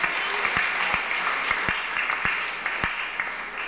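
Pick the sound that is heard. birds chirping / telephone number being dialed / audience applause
audience applause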